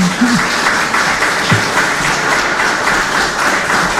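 A crowd applauds steadily for about four seconds, a dense, even wash of many hands clapping at constant loudness, with a faint voice briefly audible underneath.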